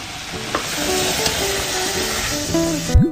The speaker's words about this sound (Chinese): 炒到这样冒大泡，汤汁基本收干，就可以出锅了。